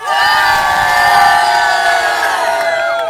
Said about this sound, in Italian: Noi però adesso vi dobbiamo salutare e urlare con tutto l'entusiasmo di cui siamo capaci. Ciao Gorla, salutiamo lo studio.